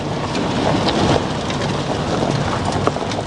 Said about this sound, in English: I'm in a truck heading up a farm track on a finger of land jutting off the eastern coast of Te Taitokoro, Northland. It's grey, drizzly and windy, but not as bad as some of the weather they've had here lately.